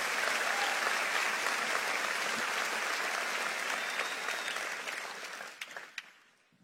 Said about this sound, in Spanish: Si le vas a aplaudir, hazlo fuerte, vamos, hazlo con fuerza.